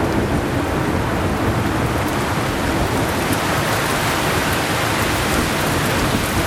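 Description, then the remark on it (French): Heavy rain suddenly pours down in a dense, steady roar, loud throughout, with a low rumble underneath and no voices. “quand il y a eu des coups de chaleur comme ça, et puis que d'un seul coup la pluie tombe comme ça, oui, ils sortent là.”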